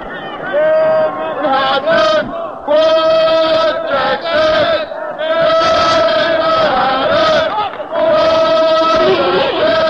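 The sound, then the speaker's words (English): A large student crowd cheers and yells at a basketball game at Madison Square Garden in New York City, a loud, continuous roar of many voices that swells and dips briefly but never stops over the whole stretch. “As you can hear, the crowd is composed largely of students.”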